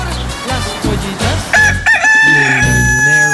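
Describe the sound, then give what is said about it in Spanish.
A rooster crows loudly on a Mexican morning radio show at 8:38 a.m. Its long, drawn-out cock-a-doodle-doo rises into a sustained, strained final note, with a few low clucks and rustles before it. “¡Qué hermoso le canta mi gallo!”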